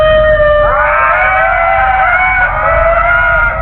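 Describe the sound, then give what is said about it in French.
Ring-tailed lemur calls: several eerie, wailing cries overlap in a sustained chorus, rising in pitch early on and holding steady, loud with a low rumble beneath. “Leurs cris ressemblent à des bruits de fantômes.”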